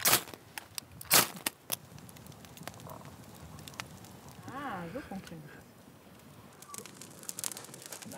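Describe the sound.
A campfire in Germany, lit during a survival exercise, crackles steadily with sharp pops and snaps scattered throughout, a couple of louder bursts near the start, while a voice murmurs briefly in the middle.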